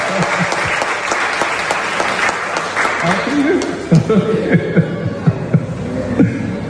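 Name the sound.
audience applauding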